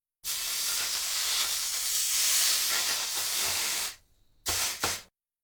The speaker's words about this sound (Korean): 온도가 내려갔을 때 다진 고기를 넣어야 하므로 물에 적신 행주 위에다 달구어진 냄비를 올려놓고 조금 식힙니다.